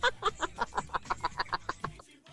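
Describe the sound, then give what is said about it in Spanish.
A turkey gobbles in a quick, even burst of about a dozen throaty pulses, loud, stopping abruptly after two seconds, with no talking over it, played as a laugh sound effect. “Alguien me decía que esa gallina que no sé qué. No, es gallina, es chompira. Un chompi.”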